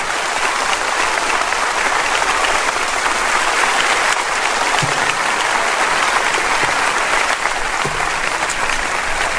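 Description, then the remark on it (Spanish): An audience, standing, applauds the Lord steadily for about nine seconds, a dense, even wash of clapping with no pauses and no voices standing out. “Póngase de pie conmigo si es tan amable y dele un aplauso al Señor cuando usted lo pueda hacer.”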